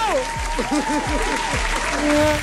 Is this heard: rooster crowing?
no